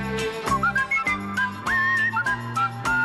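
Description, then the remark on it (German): A person whistles a bright, wavering melody, the notes sliding and held, over a steady instrumental backing with a rhythmic pulse. The whistling is clear and upfront, with no talking. “Im 20. Jahrhundert erlebte das Pfeifen schließlich seinen künstlerischen Ritterschlag.”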